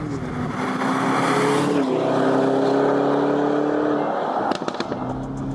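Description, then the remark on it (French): A Lamborghini Urus engine roars steadily on the wet track of the Circuit de l'Ouest Parisien in France, with strong low harmonic drones, pitch dipping around two seconds then holding, before a few sharp crackles near the end as the revs drop. “Mais quand même, quand t'es dedans, le son, c'est une Lambo.”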